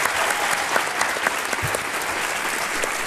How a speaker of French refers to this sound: Bon lieu, vous pouvez l'applaudir.